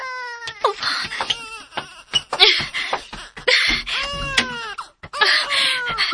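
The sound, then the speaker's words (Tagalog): A child crying hard in a run of high, wavering wails, broken by short gasping breaths and sobs, fairly loud throughout with no one talking. “Dahil ba ako nga ikaw na ang naasason, ablihi ko ay kisama ng bata nga naghilak.”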